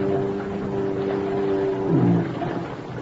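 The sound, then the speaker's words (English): A boat engine drones steadily in thick fog, a low continuous rumble with a faint hum riding on top, briefly swelling louder near the end before settling back. “He knows just about when my boat'll be coming along.”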